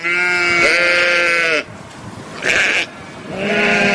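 Three loud, close sheep bleats: a long wavering one, a brief higher cry, then another drawn-out bleat, with no talking.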